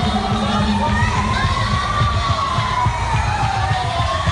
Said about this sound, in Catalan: Els crits, les víctimes ferides al terra, les allaus de gent